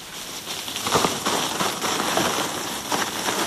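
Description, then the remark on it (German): A badger digging underground burrows and tunnels, heard as a steady, dry rustling and crackling scrape that runs throughout, with slightly louder bursts of scratching now and then and no voices. “Hier raschelt nicht jemand mit einer Brottüte. Nein, das ist ein Dachs beim Graben.”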